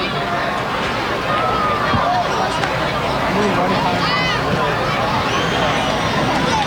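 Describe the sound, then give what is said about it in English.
A steady, dense murmur of a large baseball crowd at Prince George's Stadium, a ballpark a little more than halfway full. Overlapping voices and chatter blend into a continuous hubbub, with occasional higher calls rising above it. “Very nice crowd on hand here at Prince George's Stadium today.”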